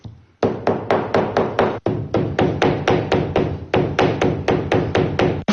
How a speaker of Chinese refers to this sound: 你能想象吗？他们用锤子砸花草树叶，是为了给包包寻找新的配色。